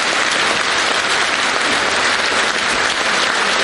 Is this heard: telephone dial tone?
no